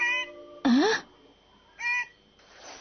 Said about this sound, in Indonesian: bukannya suara Kweya yang menjawab, tapi malah suara burung yang terdengar